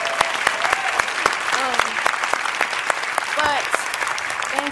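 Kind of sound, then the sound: crowd, audience applause and cheering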